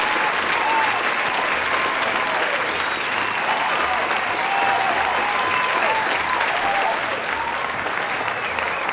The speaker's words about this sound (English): So, like anything else, I like to give kudos and the applause. So here you go, Mr. President.